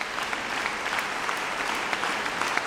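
Steady applause from a concert audience at the Fondation Pierre Janada in Martigny, calling the musicians back on stage for an encore after Mozart's Piano Concerto No. 9 with pianist Olivier Cavé; a dense, even patter of many hands clapping continuously at moderate loudness, with no voices rising above it.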